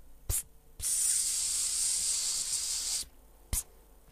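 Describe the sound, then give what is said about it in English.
A steady, fairly loud hiss of spraying lasting a couple of seconds, bracketed by two short sharp clicks like a nozzle being pressed, with no talking. “That was? Spraying.”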